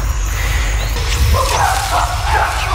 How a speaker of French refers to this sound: They've got one. Et là, on entend les chimpanzés qui crient à gauche et à droite. Ils étaient à la chasse au singe colobe.